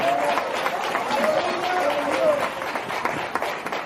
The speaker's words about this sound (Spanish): Alguien aplaude a papá. Aplauda conmigo.